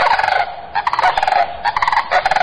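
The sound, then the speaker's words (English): A sandhill crane (Antigone canadensis) gives its loud, rattling bugle call, several rolling trumpeting bursts in quick succession, strong, with no voices present; the call is made with an extended trachea that curls into its sternum. “The bird's long neck holds an extended trachea that curls into the sternum and helps it create its loud, rattling bugle call that echoes for miles across the plains.”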